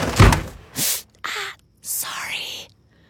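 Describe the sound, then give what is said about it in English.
A dresser drawer bangs shut with a heavy thud as a woman gets dressed for an early meeting while her husband sleeps, followed by several hissing, scraping bursts like drawers sliding, and faint hushed whispering. “the California Closets version of that moment, featuring custom soft close drawers”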